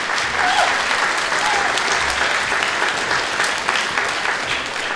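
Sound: audience applause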